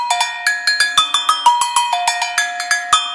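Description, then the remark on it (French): Agogo bells played in a batucada ring out in a quick, syncopated pattern of bright metallic strikes, switching between a higher and a lower tone, each hit ringing briefly. No voices are heard. “Les cloches à gogo, les tout titi tout tout titi.”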